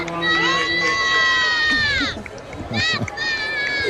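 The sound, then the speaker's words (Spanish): A large crowd chants, cheers and applauds excitedly as the Pope arrives in the popemobile greeting people, many voices overlapping in loud, sustained high-pitched shouts that swell and briefly dip before rising again. “No sé si escucháis los cánticos de escuchamos. La gente. Súper emocionada porque estaban esperando este momento.”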